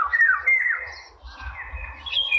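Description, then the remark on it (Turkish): A bird calls in a string of high, warbling chirps and trills, fairly loud and continuous, over a low rumbling background with no voices. “Evet, sesi de çok güzeldi. Dinleyicilerimize veririz sesini şimdi.”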